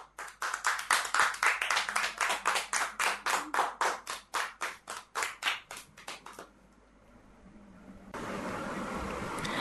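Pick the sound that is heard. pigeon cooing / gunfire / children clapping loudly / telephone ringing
children clapping loudly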